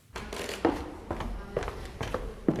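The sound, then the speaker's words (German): Footsteps cross creaking wooden floorboards in the old town hall in Marburg's upper town, Germany: about five slow, uneven steps, each thud paired with a short groan of old wood against faint room noise. “Holzvertäfelte Wände, knarrende Dielen.”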